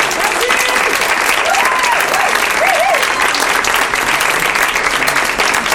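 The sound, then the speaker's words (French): Loud, sustained applause from an audience at La Turbine for the Campus FM production team of the show Le Petit Bureau, dense clapping filling the whole stretch with a steady roar, a few cheers or whistles rising briefly above it. “Merci à vous, vous les applaudissez.”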